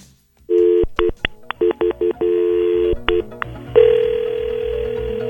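A rapid series of touch-tone beeps as a phone number is dialed, a dozen or so short tones of uneven length, followed by a steady ringing tone on the line.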